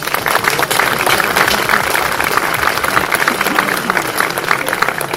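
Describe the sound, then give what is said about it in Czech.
An audience applauds steadily for several seconds for an absent guest, a dense, even clatter of many hands clapping with no pause or break. “Takže i pro něj prosím potlesk.”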